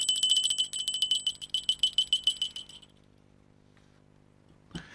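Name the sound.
small bell ringing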